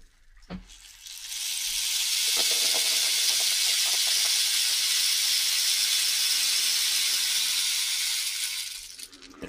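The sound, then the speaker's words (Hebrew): A rain stick is tipped and sounds as a steady, bright hissing cascade of tiny pellets, building up quickly, holding for several seconds, then fading out. No one speaks. “יש פה גם מקל גשם.”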